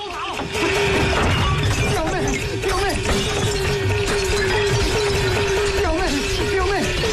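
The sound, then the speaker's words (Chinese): Household objects in a relative's home being smashed and shattered amid a loud, chaotic commotion, with repeated crashes and breaking sounds running throughout while agitated voices shout over the din. “结果后来发现还有联系，把这中间人呢，把这个亲戚他们家啊全给砸了。”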